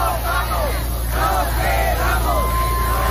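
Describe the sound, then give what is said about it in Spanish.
A protest crowd in Barcelona on a Thursday chants and shouts in unison at an eviction that was stopped, voices rising and falling in repeated waves over a steady rumble of street noise. “Por ejemplo, así sonaba este jueves Barcelona. Allí se ha conseguido parar un desahucio precisamente por este decreto.”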